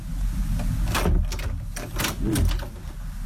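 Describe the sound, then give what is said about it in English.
A door being opened with a noisy series of rattling clunks and scrapes, several sharp knocks spread over a few seconds above a steady low rumble. “No, that's like a door in your caravan.”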